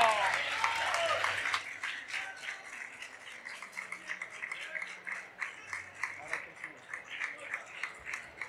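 A crowd bursts into loud, dense applause, then it thins out into steadier, rhythmic clapping with sharp individual claps standing out, with possible cheering mixed in.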